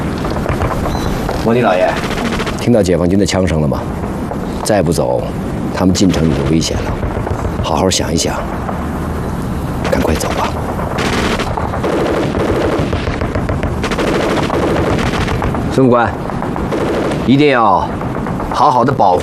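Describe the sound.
Rapid bursts of People's Liberation Army gunfire as troops approach a city, like a machine gun rattling again and again, fill the scene loudly and almost continuously, with sharp cracks standing out and voices mixed in underneath.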